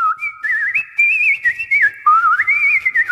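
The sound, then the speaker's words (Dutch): Nightingale song from a nightingale sitting on a bedroom windowsill, rendered as clear, continuous whistling: bright warbling notes that glide up and down, layered in two tones, loud and alone without any talking. “Daar op de vensterbank zat de echte nachtegaal uit volle borst te fluiten.”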